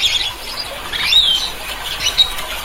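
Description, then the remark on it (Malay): A red-and-blue lory, a bird up to 31 cm long endemic to the Talaud Islands, Sulawesi, Indonesia, gives a run of hoarse, raspy short calls, harsh and scratchy with a few thin squeaky notes mixed in, at moderate volume. “Kicauannya yang terdengar parau atau agak kasar dengan volume yang sedang dan bernada pendek.”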